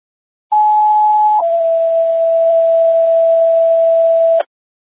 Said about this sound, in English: how do you copy non-emergency tones?